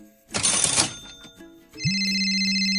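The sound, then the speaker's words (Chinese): A brief rustling burst of noise, then a steady electronic phone ringtone for an incoming call starts up and keeps ringing continuously to the end, with no one talking. “天哪，汉妮竟然主动打电话来，从网络上认识到现在要跟她通电话总是被拒绝，我等一下一定要好好表现。”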